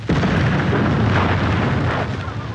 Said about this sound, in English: This is where, on the first day of the battle, the British army detonated a huge explosion. The aim was to confuse the enemy as British soldiers attacked.